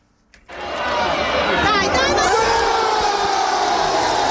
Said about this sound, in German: Lauter Jubel in der Fankurve beim Tor des FC Como gegen Parma am vergangenen Wochenende. Es ist und bleibt das einzig gültige Tor in diesem Spiel